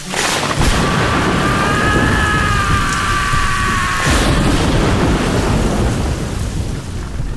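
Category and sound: nature, thunderstorm with rain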